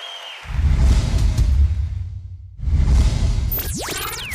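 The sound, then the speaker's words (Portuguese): Two loud bursts of audience applause, the first lasting about two seconds and the second shorter, followed by a rising electronic whoosh sweep. “Mais aplausos.”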